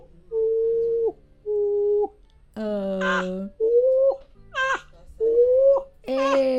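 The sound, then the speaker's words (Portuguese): A small bird sings in a run of short, loud whistled phrases, some steady and some warbling and buzzy, separated by brief pauses, with no one talking. “E olha o passarinho de lei.”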